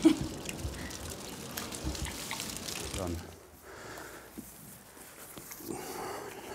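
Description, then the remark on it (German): Water sloshes and splashes as a mouth is rinsed out forcefully after teeth have been ground smooth, a steady gushing wash for a few seconds that gives way to softer trickling and drips, with faint background voices. “Und nach dem Schleifen kräftig ausspülen.”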